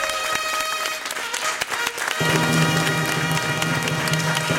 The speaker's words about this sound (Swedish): Ja, en stor applåd till P3. Så bra.